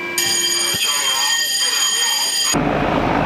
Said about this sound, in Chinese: 战斗警报！